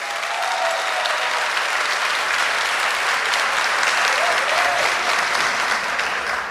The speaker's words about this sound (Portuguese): Pode aplaudir. É isso.